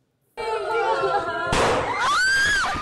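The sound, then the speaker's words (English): Children scream and shout in shrill, panicked voices at a primary school in the central Philippines during a June school shooting by two teenagers, then a single loud, sharp bang like a gunshot cuts through, followed by more high-pitched screaming. “A loud bang. And another. This video shows panicked children in a primary school in the central Philippines in June.”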